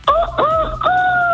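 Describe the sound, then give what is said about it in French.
A person imitates a rooster crowing: two quick, rising yelps followed by a long, held final note, loud, with no other voices or sounds. “Bah voilà, là c'est le cri du coq.”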